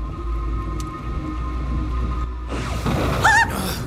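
A heavy nighttime thunderstorm over a valley with deep, continuous rumbling thunder; a hissing wash of rain swells in after a few seconds, and a brief eerie wavering tone rises near the end. No voices.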